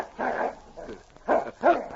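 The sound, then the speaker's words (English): A male dog whimpers and gives short, muffled barks from behind a door opened a little, as a shirt is held out on the end of a stick for it to sniff, about four uneven whining bursts over two seconds, mid-pitched and moderately loud, with no one talking. “Hope he don't chew your arm. Here, boy. Here, come on. Take a sniff here.”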